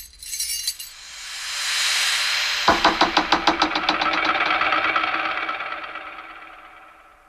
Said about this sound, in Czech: Buď jsem se tu už bez tebe zbláznil, anebo jsem se trefil tím nejmenším klíčkem rovnou do zámku. Tohle by se mi dvakrát nepovedlo.